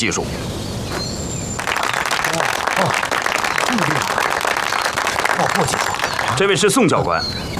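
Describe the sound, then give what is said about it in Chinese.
A group of comrades breaks into steady, dense applause to welcome several instructors brought in by headquarters for special technical training; after a quieter start the clapping holds strong to the end, with a few voices faintly mixed in. “同志们，司令部给我们请来了几位教官，专门负责教我们的特殊技术训练，大家鼓掌欢迎。”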